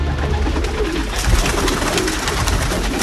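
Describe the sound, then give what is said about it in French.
Pigeons coo steadily at the dovecote of Saint-Vivien-de-Montségur in Gironde, France, their low, throaty calls overlapping in a continuous murmur with soft rustling and wing flutters mixed in, fairly loud throughout and with no one speaking. “Et si j'ai décidé de vous emmener là-bas, c'est en particulier pour le pigeonnier.”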